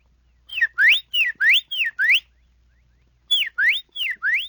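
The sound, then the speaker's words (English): A whistled imitation of a Carolina wren song: clear, loud two-note slurs, each dipping then sweeping up, repeated rhythmically in a run of three phrases, a pause, then two more. “The tufted titmouse. And a Carolina wren.”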